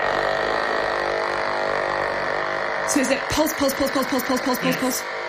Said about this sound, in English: The electrodes are wired up to a plastic box outside the tank. It's an amplifier with a speaker, so we can hear the electrical discharges.